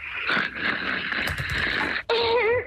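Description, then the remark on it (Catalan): A husband's raspy, wheezing snore is heard live on a radio show through a thin, tinny telephone line held closer to him, one long breath lasting about two seconds, then a short break and a brief wavering tonal sound. “Podem confirmar que el marit segueix roncant?”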